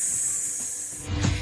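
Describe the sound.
A person makes a sustained, steady hissing sound like a snake, a bright airy hiss lasting over a second, ending with a brief louder breathy burst.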